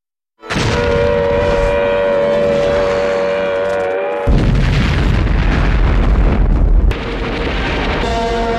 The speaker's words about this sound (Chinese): 然而，西南剧展高涨的气氛很快就被日军的炮声打破。